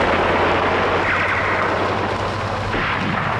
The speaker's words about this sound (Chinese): 听到枪声了吗？果然有刺客。